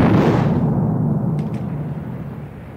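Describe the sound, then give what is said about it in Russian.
A heavy naval gun blast from a ship's third gun turret rolls out as a deep, loud rumble that slowly fades, with two faint sharp clicks partway through and no voices. “Третья башня закончила стрельбу.”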